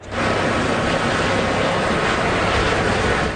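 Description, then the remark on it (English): An emergency helicopter roars loudly as it flies over the scene where a car plowed into a crowd in Leipzig, Germany, while paramedics assist the injured; a steady, dense engine and rotor rumble holds for the whole moment, with no voices. “Video shows an emergency helicopter flying over the scene as paramedics worked to assist some of the people who were struck.”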